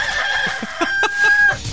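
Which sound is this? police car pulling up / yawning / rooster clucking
rooster clucking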